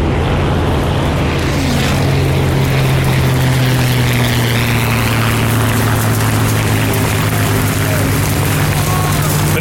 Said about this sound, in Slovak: Napriek husej mle, vetru a dažďu sa lietadlo dostalo do potrebnej výšky a nabralo správny kurz.